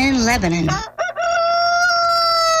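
A rooster crows a single loud cock-a-doodle-doo, starting with choppy rising notes before a brief break and then a long, drawn-out sustained final call.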